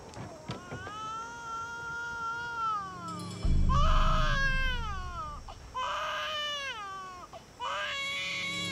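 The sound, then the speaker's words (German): A baby girl wails in long, rising and falling cries, broken into several drawn-out bursts with short gasps between, fairly loud, with a low rumbling background underneath. “Da weint doch ein Baby.”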